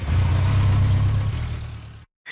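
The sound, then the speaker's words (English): A motorbike engine idles with a steady low rumble for about two seconds as the rider is about to get on, then cuts to a brief silence before the sound returns. “About to jump on my motorbike, and you're listening to Daybreak on CBC Radio 1.”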